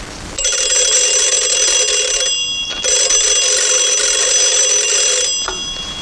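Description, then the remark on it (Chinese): An old-fashioned telephone bell rings loudly in two long, steady bursts with a brief pause between them, clear with no voices. “就是嘛，马上打电话给陈坚，问问385高地附近有没有情况。”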